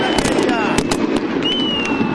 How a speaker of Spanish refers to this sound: Los fuegos artificiales que escuchás en el micrófono.